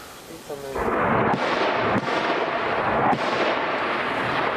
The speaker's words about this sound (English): Loud explosions force Ukrainian soldier … to cut short a call with his wife and two-year-old daughter